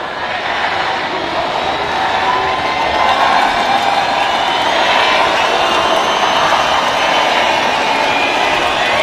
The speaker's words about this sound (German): Zu hören waren 15.000 Raver, die gleichzeitig der Techno-Queen Amelie Lenz ein Geburtstagsständchen geträllert haben.